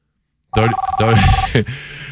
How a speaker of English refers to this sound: Come on, shut that phone off. You're lucky I don't throw this microphone at you.